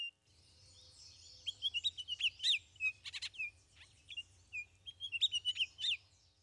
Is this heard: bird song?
yes